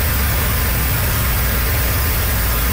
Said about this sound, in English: Motorists drive over a flooded road in southern Cape Breton. Several parts of the island have been battered by heavy rain and high winds.